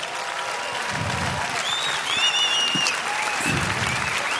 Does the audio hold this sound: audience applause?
yes